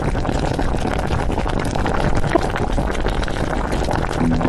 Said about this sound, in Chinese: 暖锅沸腾间，鱼骨率先跳入汤底，开启海鲜盛宴第一序章。